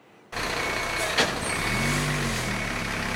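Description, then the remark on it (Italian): A heavy fire engine in the industrial zone of Vico Pisano, where fire crews come and go fighting a fire at the Delca plastic recycling firm, rumbles steadily, a brief sharp hiss of air brakes cutting in early on, then its engine note climbs as it revs and pulls away. No one speaks. “Non si ferma il viavai dei mezzi dei vigili del fuoco qui nella zona industriale di Vico Pisano.”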